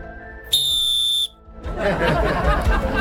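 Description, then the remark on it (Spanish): A single sharp whistle blast, shrill and steady, lasts under a second, then cuts off; afterward a burst of broad, noisy rustling and clatter follows. “No, pásame el otro silbato que se suena muy bajo.”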